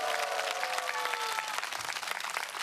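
A crowd applauds steadily, many hands clapping in a dense, even wash of sound that holds its level throughout, with a faint tonal whine fading in the first moments.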